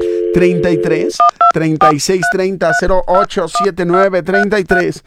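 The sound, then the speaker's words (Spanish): Rapid touch-tone telephone dialing effect during a live broadcast in Guadalajara, a quick string of bright beeps of varying pitch, fairly loud, with a voice-like sound running underneath. “Quiero esas líneas telefónicas timbrando en este momento.”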